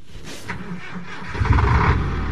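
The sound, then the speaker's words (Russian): Engines of huge BelAZ dump trucks rumble inside a large motor-transport workshop, a low mechanical drone that swells louder partway through as one seems to start or rev up, with trucks driving into repair bays and out onto the line and large wall-mounted fans drawing out exhaust. “Большой автотранспортный цех гудел огромными автомобилями БелАЗ.”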